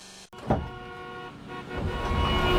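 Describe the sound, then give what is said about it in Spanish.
Busy road traffic with car horns honking, sustained blaring tones over a steady rumble of engines that grows slightly louder toward the end. No one speaks. “¿Otra mañana atrapado en el tráfico y pagando gasolina antes de trabajar?”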